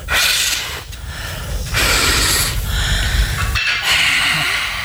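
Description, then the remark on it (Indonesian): A grandparent blows steadily on a cooking fire to make it flame up so the rice cooks faster, in four long, breathy gusts of rushing air with a low rumble underneath, each broken by a brief pause for breath. No one speaks. “Waduh, dah biar Simbah yang niup ya.”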